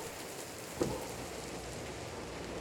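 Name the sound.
rain falling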